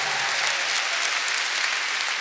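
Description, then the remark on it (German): A crowd claps steadily throughout for a violinist in a show, a dense, even wash of many hands with no voices standing out, sustained at a constant moderate level from start to finish. “Ein herzlicher Applaus auch für”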